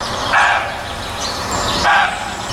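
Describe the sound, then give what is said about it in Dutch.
A roe deer buck barks twice, about a second and a half apart. Each call is a short, hoarse, dog-like bark, clear over a faint outdoor background hiss. “Het zijn reeën. Het mannetje blaft,”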